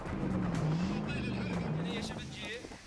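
Loud all-terrain vehicle engines roar and rev unevenly, their pitch rising and falling as young people drift and spin on a soft-sand beach in Misrata, Libya, on a Friday night, with a steady gritty rush of tires churning the loose sand underneath.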